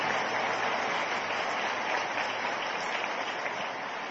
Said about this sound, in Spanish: Dios los bendiga, un aplauso para ellos.